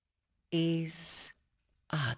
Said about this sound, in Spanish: Ahora dejamos que respire en nosotros, que la respiración en nosotros vaya y venga. Vaya y venga. Vaya y venga. Está respirando.